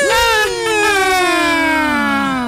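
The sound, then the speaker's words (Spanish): A loud ambulance siren wails, its rich, steady tone rising sharply and then sliding slowly downward over a couple of seconds. “Espera que llegue la ambulancia.”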